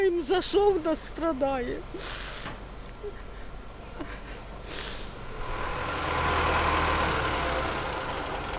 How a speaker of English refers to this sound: And as firemen winched her mangled car off the street, dust and anxiety remained in the air.